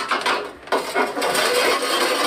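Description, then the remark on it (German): A few dull, hollow knocks on the crust of a freshly baked loaf, testing whether it is done, spaced irregularly over a steady rustling, scraping background noise; nobody speaks. “Guck mal, könnt ihr ihn hören? Wenn er hohl klingt, dann ist er gut.”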